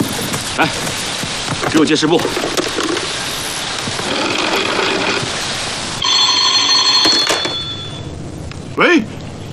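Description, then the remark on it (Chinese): Voices talk over a busy background, then a telephone rings with a steady, buzzing electronic tone for a couple of seconds before a short vocal sound cuts in. “市长，电话接不通。”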